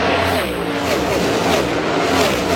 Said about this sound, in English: But seeing the cars go by and just seeing like the ridiculous speed in person was insane.